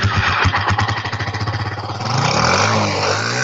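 A motorcycle engine chugs with rapid, rhythmic pulses, then revs up with a rising, steadier roar. It sounds fairly loud, with no voices.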